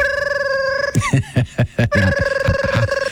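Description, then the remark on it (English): A novelty telephone shaped like a Cleveland Browns football rings with a steady, buzzy electronic tone, broken in the middle by a run of short, low, gruff bursts before the ringing resumes, fairly loud. “What was that, like one of those Sports Illustrated giveaway phones from the 1980s?”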